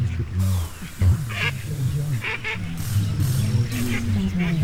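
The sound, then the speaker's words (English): Ducks quack over and over in a busy, nasal chorus, the calls overlapping closely and loudly for the whole stretch with barely a pause. “Our duck.”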